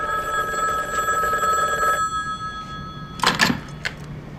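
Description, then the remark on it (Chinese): A telephone bell rings steadily for about two seconds, then stops; a couple of brief clunks follow, like a receiver being picked up, with faint room noise underneath. “赶紧打电话”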